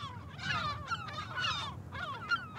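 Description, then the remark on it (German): Many gulls in a colony shared with spoonbills call at once in a harsh, agitated chorus, aggressive toward the visiting people, with overlapping raucous squawks and rising wails over a steady low rumble. No one speaks. “Man merkt es, die Möwen sind böse auf uns, sie sind aggressiv.”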